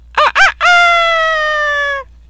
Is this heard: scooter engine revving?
no